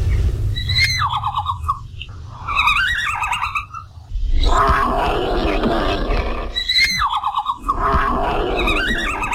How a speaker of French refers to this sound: Il siffle, râle, claque des dents et miaule. Voici un petit extrait du cri du panda roux.